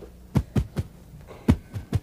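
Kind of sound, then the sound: sound effect, heartbeat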